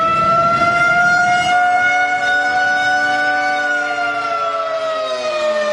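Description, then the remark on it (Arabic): An air raid warning siren wails steadily in towns of the Western Galilee, sounding again after more drones were detected. Its harmonic tone holds a high pitch, then slowly slides downward toward the end. It is loud throughout, with a low rumble underneath early on. No one speaks. “وفي تطور متزامن، دوت صافرة الإنذار مجددا في عدد من بلدات الجليل الغربي شمال فلسطين المحتلة اعتبار رصد طائرات مسيرة أخرى وفق ما أفاد به إعلام العدو.”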